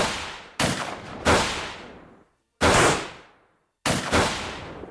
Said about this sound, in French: Des coups de feu claquent.